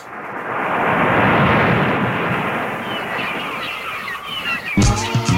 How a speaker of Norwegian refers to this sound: Men I tillegg, hvis jeg får bølgeskvull og måkeskrik lagt på selve låta